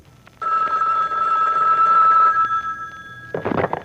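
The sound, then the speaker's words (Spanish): A telephone at the La Holgazana employment agency rings with a steady, high electronic trill lasting about two seconds, then fades out. A burst of speech follows at the very end. “cuando suena el teléfono hasta el dolor de pata se la quita, véanlo.”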